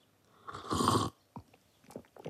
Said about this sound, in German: Ich stehe in der Küche und schlürfe schon die dritte Tasse Kakao.